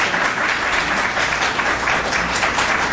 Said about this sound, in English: One more time, a round of applause for this panel. Thank you all.